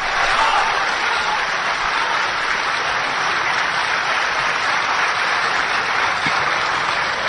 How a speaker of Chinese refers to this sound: 这一晚上您鼓掌都够累的， 可不是吗？ 说实在的， 这也是力气活， 是不是啊？